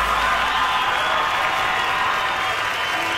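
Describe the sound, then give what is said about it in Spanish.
A steady wash of audience applause from the people attending an afternoon performance, dense clapping from many hands at a constant loud level throughout, with no voices standing out above it. “Gracias, muy amables, por los aplausos a toda la gente que nos acompaña esta tarde.”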